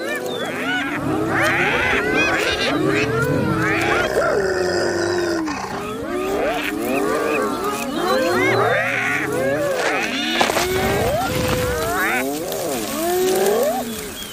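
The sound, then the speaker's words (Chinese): A pack of spotted hyenas squabbling over food, a loud, continuous tangle of overlapping giggles, whoops, yelps and growls from several animals at once, with no speech. “斑鬣狗的等级地位与它们的社交能力直接相关，而斑鬣狗族群中的冲突通常发生在分配食物的时候。”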